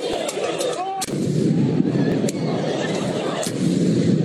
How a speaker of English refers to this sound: There were taxi and car windshields all smashed up with people climbing on top of them and box trucks damaged, city bikes destroyed, and fireworks set off all outside of Madison Square Garden.